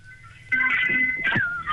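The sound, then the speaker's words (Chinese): A telephone rings with an incoming call from a caller phoning in to the 月历周刊 programme: after a brief near-silent moment, a bright, warbling electronic ring tone starts abruptly and carries on loud, with no voices. “来，月历周刊现在已经有朋友打进电话了啊，先来接听一下这位朋友的电话。”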